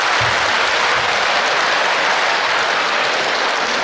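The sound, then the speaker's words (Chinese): Sustained audience applause fills the whole stretch, a dense, steady wash of many hands clapping at once, loud, with no voices standing out. “上台了，鞠躬了，您该神奇掌声了，哎，您这个掌声太少了，掌声，掌声，掌声，掌声，掌声，掌声，掌声，掌声。”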